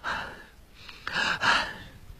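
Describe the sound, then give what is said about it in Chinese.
A storyteller imitates the heavy panting of the character Wu Dalang, lying on a bed, with a few breathy, raspy gasps in quick succession, the last two louder, and no words spoken. “武大郎还在那喘气儿呢。”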